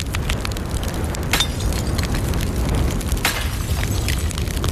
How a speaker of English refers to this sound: Crash! Fragments fly through the air as one clay pot after another hit the ground, the sound shattering the stillness of the late morning.